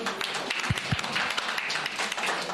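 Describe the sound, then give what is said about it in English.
An audience applauds in a steady, dense wash of clapping that carries evenly from start to finish, with a couple of low thumps early on and no voices. “Maybe we can give a round of applause.”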